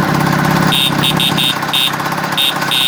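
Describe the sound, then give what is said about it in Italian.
A small moped engine runs steadily, its buzzy drone loud and continuous, with short high-pitched whining bursts recurring every fraction of a second. “Erano solamente alcuni dei mitici motorini che hanno fatto parte della nostra vita”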